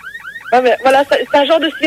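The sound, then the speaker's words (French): A siren-like tone warbles up and down in quick repeated sweeps, then gives way to louder, wavering wailing bursts that rise and fall over the remaining second or so. “Voilà, c'est un genre de sirène comme ça.”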